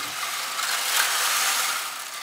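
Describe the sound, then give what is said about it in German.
A steady, dense patter like rain from the rain effect of a church organ in the Michel: pebbles tumbling inside a turning drum like a washing machine. It is a continuous hissing rattle that swells slightly in the middle and then eases off, with no voices. “Da ist Kieselstein und das ist ja quasi wie eine Waschmaschine. Und wenn das sich umdreht, klingt das wie Regen unten in der Kirche.”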